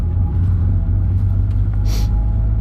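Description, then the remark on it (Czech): A steady, heavy low rumble fills the cabin of a moving old car without air conditioning, older than its two occupants combined, driven for hours in the middle of nowhere, with engine drone and road noise throughout and a brief airy hiss near the end. No one speaks. “Tohle auto začíná smrdět jako fitko.”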